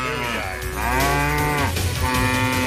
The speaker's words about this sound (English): I thought we were doing a cow noise. Can we do a cow noise as well?